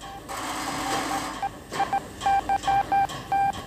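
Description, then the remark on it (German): A quick sequence of short telephone dialing tones, about eight beeps in an uneven rhythm, at the telephone switchboard of a police headquarters around midday, over a busy background hum of machinery or room noise. “Telefon, Fernschreiber und Polizeifunk haben den Wettlauf mit der Zeit aufgenommen.”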